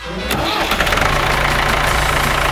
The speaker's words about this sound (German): Ja, wir starten schon einmal. Die Traktoren.